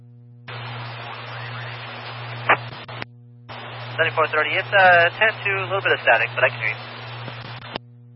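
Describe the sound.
Crackling radio static hisses in two bursts, the second carrying a garbled, band-limited voice coming through the transmission, with a steady low electrical hum underneath.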